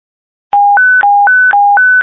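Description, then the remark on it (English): A radio duress alarm activation tone on a State Operations radio channel starts after a short silence: a loud, steady hi-lo beeping that alternates between two pitches about four times a second, with no voices. “A Juris alarm activation has occurred on this channel.”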